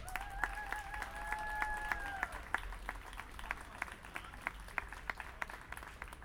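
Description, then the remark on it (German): An audience applauds with steady, scattered clapping that continues throughout, while a sustained high tone hums over the first couple of seconds before fading away. “Ich denke, die haben nochmal einen herzlichen Applaus verdient.”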